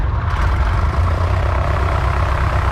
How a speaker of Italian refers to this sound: Il motore fu acceso alle 10:30.